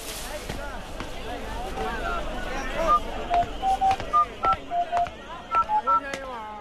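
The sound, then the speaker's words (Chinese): About a dozen short telephone keypad dialing tones beep in a quick, slightly uneven sequence, clear, over a busy background of murmuring voices and street noise at a vegetable stall; a mother dials the Beidajie community weekend children's club. “好，妈妈等下就帮你打电话啊。”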